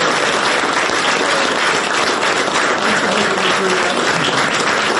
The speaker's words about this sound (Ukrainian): Під оплески й обійми Енді Бернем уперше переступає поріг знаменитих чорних дверей на Даунінг-стріт 10 як новий прем'єр-міністр Великої Британії.